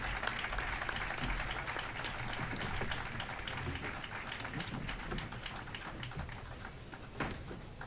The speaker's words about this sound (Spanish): Un fuerte aplauso